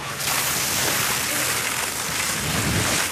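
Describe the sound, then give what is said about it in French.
Firefighters spray a thick white foam from a fire hose onto a tree trunk to smother a fire, a steady, loud rush of hissing water that holds constant for the whole few seconds, sounding much like heavy rain. “Les pompiers arrosent le tronc avec une épaisse mousse blanche.”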